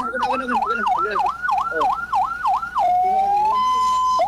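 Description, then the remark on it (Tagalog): A loud electronic siren being tested whoops in rapid repeated rising-falling sweeps, then switches to a steady sustained wail that steps up in pitch, piercing. “Ato pati wangwang ko. Kay ningo man rebre ng wangwang ni.”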